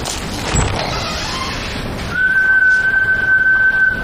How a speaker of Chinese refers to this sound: 去，你这一来先吹哨啊？